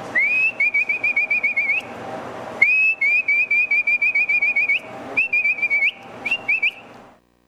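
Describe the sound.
A herder's whistle for driving pack animals and horses toward the corral: loud human whistling in rapid, rhythmic warbling bursts, repeated in three long phrases with brief pauses, ending on a short final flourish.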